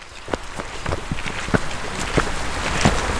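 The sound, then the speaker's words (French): Steady winter rain hisses outdoors at the edge of the Mare à Goriot pond in the forest of Rheims, Saint-Amand-Wallers, a dense wash of patter with occasional sharper drops or soft footsteps, recorded at an even, moderate level with no voices. “J'ai rejoint la guide nature au bord de la Mare à Goriot, sous une pluie hivernale.”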